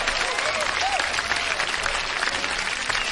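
A crowd applauds steadily, a dense wash of clapping dedicated to the people of Chapala, Jalisco, that holds at an even, loud level throughout, with a few faint cheers rising briefly near the start.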